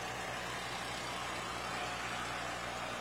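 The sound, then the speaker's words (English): An old tractor engine runs steadily as tractors arrive, a continuous low rumbling throb under a broad wash of mechanical noise, with no one speaking. “And we even have a few more non-registered tractors getting in to round things out here, but McCormick Deering, F20 Farmall.”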